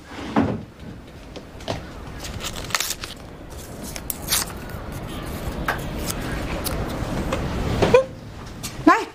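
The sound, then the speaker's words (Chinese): A drawer is pulled open to fetch a candle to light, with a scraping slide and several wooden knocks and clunks spread across the moment, over a steady low background hiss. “来， 你把你抽屉里的那个蜡烛点上了，淡出来看不见了。”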